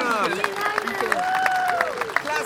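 A crowd cheers loudly with whoops and shouts while scattered hands clap throughout, a lively burst of applause that stays steady for a couple of seconds.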